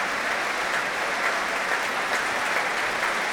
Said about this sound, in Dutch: Nu ook applaus voor trombonist Jurgen van Rijen.